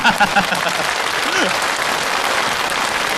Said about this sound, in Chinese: 谢谢大家的掌声， 谢谢。 当然了，也可以再热烈点，是不是？